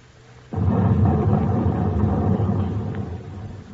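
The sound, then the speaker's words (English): A depth charge, or ash can, detonates underwater around a submarine lying at 80 feet with its engines off: a sudden heavy boom breaks out of near silence, then a deep, muffled rumble rolls on and slowly fades over a few seconds. No voices. “There's the first ash can, Skipper.”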